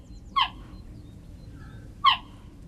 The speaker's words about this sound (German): Klingt wie ein Vogel, ist aber eine Raubkatze. Geparden können nicht brüllen wie Löwen, stattdessen zwitschern sie. Denn wer wie ein Vogel klingt, wird von anderen Tieren in der Savanne vielleicht nicht so schnell erkannt.